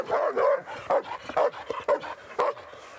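A dog barks repeatedly in quick, uneven bursts, loud, with short yips mixed in and brief gaps between barks.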